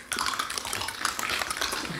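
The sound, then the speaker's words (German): A concert audience of 50 to 70 people crunching raw carrots together during the piece 'Kritz, Karottenessen', recorded binaurally: a dense, steady crackle of many overlapping bites and chews, bright and brittle, starting abruptly and continuing without pause. No one speaks. “Das ist eine binaurale Aufnahme von meinem Konzert, wo wir Karotten gegessen haben zusammen.”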